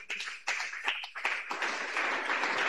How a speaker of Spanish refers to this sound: ¡Aplauso para Cristo Jesús!